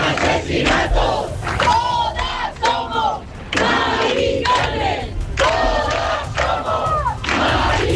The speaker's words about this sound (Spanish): Y como en otras capitales de provincia, se han escuchado proclamas por el derecho a la vivienda, contra los desahucios y también a favor de la huelga general, que tienen convocado a los sindicatos el próximo 11 de noviembre